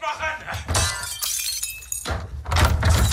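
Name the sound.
gunfire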